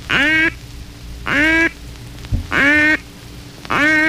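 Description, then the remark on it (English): Four long, drawn-out lonesome hen duck calls, loud, evenly spaced about a second apart with brief pauses between. No voices, just a faint wash of background noise. “Another call which brings good pre-dawn results is the lonesome hen call.”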